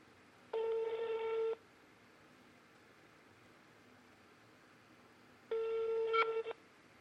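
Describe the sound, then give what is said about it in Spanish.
Two ringback tones of an outgoing phone call, each about a second long with a long pause between, clear and steady over a faint hiss, with no one picking up. “Yo creo que fue para el ruedo y dejó el teléfono por ahí.”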